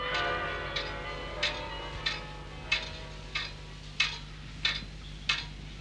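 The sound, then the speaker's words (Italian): Fading, ringing carillon bell tones linger at the start while a pendulum clock in the study of Professor Brugmans, rector of the institution, ticks steadily in an even rhythm, about nine crisp ticks, with no talking. “Le note del Carillon cedono il posto alle pulsazioni misurate di un orologio a pendolo nello studio del professor Brugmans, rettore di questa singolare istituzione.”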